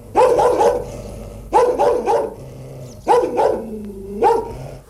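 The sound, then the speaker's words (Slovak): A person imitates a dog barking loudly in four short bursts of two or three quick, throaty barks each, with brief pauses between them, demonstrating how to bark properly. “Nebojte sa, nie som rozzúrený, iba som vám chcel ukázať, ako sa má správne brechať.”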